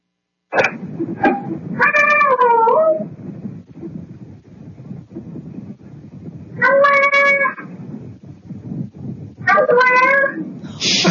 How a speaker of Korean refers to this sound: 이게 고양이 소리예요. 엄마, 아빠. 아빠. 예, 이게 고양이 소리예요. 야. 그냥 홈캠에 녹음된 거예요. 지금 문 앞에 앉아가지고 고양이가. 그러니까 현관문에서 네네. 엄마 아빠를 정말 기다리면서 네. 목놓아 부르는.